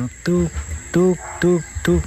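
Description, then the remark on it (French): An owl in a tree calls four times in quick, fairly regular succession, each note short, low and hooting, over a thin, steady high-pitched insect-like hum. “Quand vous entendez um hibou fé”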